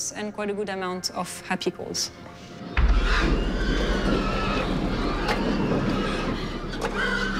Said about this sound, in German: Das Stressniveau ist in diesem Betrieb mit nur 8% Stresslauten ziemlich niedrig. Dafür ist der Anteil der Unzufriedenheit recht groß. Diese Schweine sind ganz generell nicht besonders zufrieden.